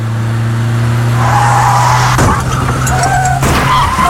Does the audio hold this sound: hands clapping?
no